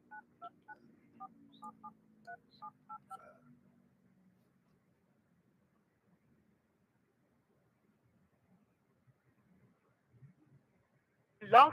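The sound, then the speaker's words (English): A quick run of about ten telephone keypad tones beeps out at an even, brisk pace, clear, followed by several seconds of near silence before a short loud burst at the end, as a phone dials directly into a 929 number to call in to a Blog Talk Radio show. “Let me see if I can try to call directly in 929.”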